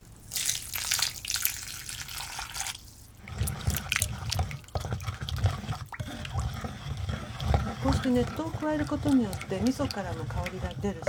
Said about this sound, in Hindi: अब आपके पास तिल के दानों, मछली और मिसो पेस्ट का मिश्रण तैयार हो गया होगा। इस मिश्रण में 500 मिलीलीटर गर्म पानी दो भागों में डालिए। सारा पानी डालने के बाद मिश्रण को अच्छी तरह मिला लीजिए।